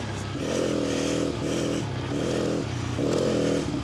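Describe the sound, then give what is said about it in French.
A motorcycle engine roars steadily on an ice track during a first lap, its pitch swelling and dropping in repeated surges as the throttle opens and eases, loud throughout with a rough rattle underneath and no voices. “Premier tour sur glace.”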